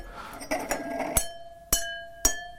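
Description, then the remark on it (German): A pen taps three identical-looking stemmed drinking glasses in an editorial office, first a few soft strikes and then three clear, evenly spaced clinks, each leaving a bright ringing tone that lingers and fades. Fairly quiet, with no talking. “Oh, die klingen an sich schon mal unterschiedlich, obwohl die gleich aussehen.”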